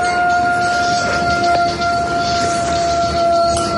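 An enemy VT-40 FPV drone's steady, high-pitched motor whine holds a constant pitch for several seconds, loud over a rough background hiss, with no one speaking.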